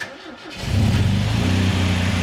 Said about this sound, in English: So I think to myself, all right, well, you know, maybe if I run the engine and then I check it again, I'll actually see where it's at. So I start up the engine, and what happens next absolutely shocks me.